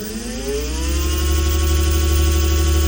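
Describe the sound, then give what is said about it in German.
An electric scooter whirs on a footpath in Saxony-Anhalt, Germany, its motor whine rising in pitch as it picks up speed, then holding a steady, loud hum. No voices. “Es gibt eine neue Gefahr auf Sachsen-Anhalts Fußwegen und die kommt surrend daher.”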